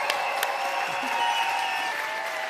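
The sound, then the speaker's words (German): Steady audience applause at the Z-Bau during the ARD Sounds Festival, a dense wash of many hands clapping at an even, sustained level with no voices standing out, continuing throughout. “Und an alle, die ihr schon hier hört, an unser Publikum. Applaus für euch.”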